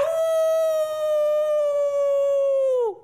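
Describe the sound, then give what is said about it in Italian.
A person imitates a howl with one long, steady, loud wail held for about three seconds, then sliding down in pitch as it fades out. No other voices are heard. “Ho ululato per quanto...”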